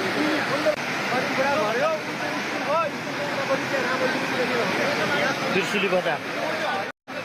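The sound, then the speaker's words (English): A steady, loud roar of flood water rushing through streets and buildings in Nepal's Trishuli area fills the scene without a break, with voices calling out faintly beneath the churning flow. “Meanwhile, Nepal's Trishuli area is completely inundated with flood water sweeping through streets and buildings.”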